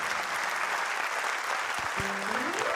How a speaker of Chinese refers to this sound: 谢谢大家哦，来一个掌声哈，谢谢感恩哈